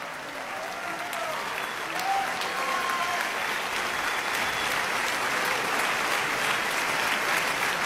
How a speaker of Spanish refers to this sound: El público está de pie y sigue aplaudiendo esta, repito, espectacular interpretación de nuestros compañeros universitarios de una de las piezas más importantes de la historia de la música.